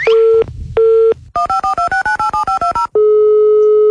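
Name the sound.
telephone dialing tones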